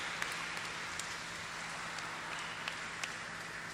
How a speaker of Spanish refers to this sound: Felicidades por este aniversario, les damos un fuerte aplauso.